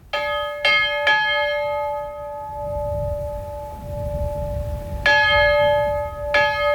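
Church bells of Hof Finnskog Chapel, rung manually by people rather than by a switch, ring out in uneven strikes, each clang leaving a long shimmering hum that lingers between hits, with low rumbling background noise and no voices.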